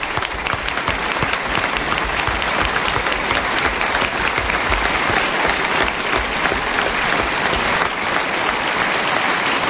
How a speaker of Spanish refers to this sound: Próximo miércoles, gracias por sus aplausos que no terminan nunca.